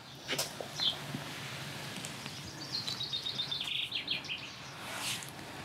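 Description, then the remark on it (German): A young swallow that has fallen out of its nest chirps in quick, high-pitched bursts, a short call early on and then a rapid twittering run, over a noisy outdoor background. “Eine kleine Schwalbe ist aus dem Nest gefallen.”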